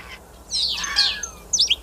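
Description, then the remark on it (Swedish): A starling mimics other animals' calls, including crane and fox, in a rapid burst of harsh, sweeping squawks and chirps, followed by a brief second outburst, fairly loud with no talking. “Ska vi ta och lyssna på vad du och Mats Ottosson hör för andra djur här när, som staren härmar.”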